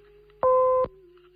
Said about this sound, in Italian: Parlate dopo il segnale acustico. Grazie.